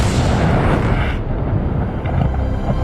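A loud explosion roars as one sustained, heavy rumble, deep and booming, with the bright crackle fading after the first second while the low roar keeps going.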